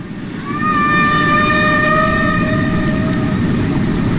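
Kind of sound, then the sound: animal, humpback whale song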